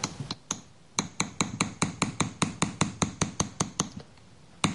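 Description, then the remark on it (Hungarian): A small hammer taps metal in a quick, steady rhythm, each strike sharp with a bright ring, smoothing a rough acanthus leaf ornament; a few isolated hits at first and then a dense run of regular blows. “Itt látható, hogy a baloldali akantusz levélcsokor már szép fényes lett kalapálva némelyik része, a jobb oldalon viszont még sokkal szaggatottabb, úgyhogy most azt mutatnám meg, hogy a megfelelő eszköze ezt hogy lehet szépen elsimítani.”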